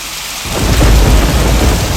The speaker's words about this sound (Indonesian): Pada musim penghujan, kita harus mewaspadai potensi petir atau kilat.